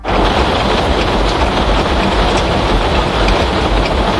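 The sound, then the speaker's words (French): A violent storm in Saint-Just-Saint-Rambert roars without a break through the evening and night, with howling tornado-strength wind and driving rain forming a dense, loud wall of noise that holds steady throughout, with no voices. “C'est ce qu'ils ont entendu toute la soirée et une partie de la nuit.”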